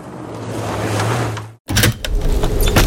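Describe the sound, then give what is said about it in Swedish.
A window being opened to let in air for sleeping: a steady whirring hum runs for about a second and a half, cuts off abruptly, then louder, rushing outdoor noise floods in. “Måste du öppna fönstret för att få luft?”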